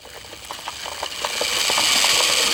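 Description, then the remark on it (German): A large remote-controlled toy car, almost as big as the small boy driving it, arrives on a playground. Its motor whirs with a high, buzzy whine and a quick rattling pulse, steadily swelling in loudness over a couple of seconds, with no voices. “Der kleine Olli kommt mit seinem ferngesteuerten Auto auf den Spielplatz.”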